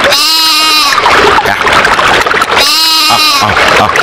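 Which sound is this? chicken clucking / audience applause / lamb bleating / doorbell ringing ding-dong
lamb bleating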